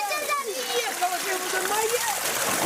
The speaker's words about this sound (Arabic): هذا هو المشهد في قرية تل السبع، سكان يملؤون عبوات المياه من نقطة مياه في الشارع بعد انقطاع مياه الشرب عن البلدة.